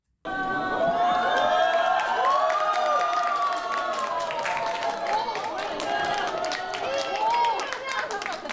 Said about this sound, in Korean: 법요식 말미에 이재명 대통령과 김혜경 여사가 깜짝 방문한 겁니다. 예상치 못했던 대통령 내외의 방문에 현장에 있던 수많은 불자와 시민들은 놀라움과 함께 뜨거운 환호를 보냈습니다.